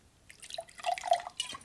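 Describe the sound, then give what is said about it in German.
A drink pours into a glass in a short, trickling burst with bright, splashy liquid sounds rising and falling, fairly quiet, with no voices. “Halt den Mund, gieß voll, du Idiot.”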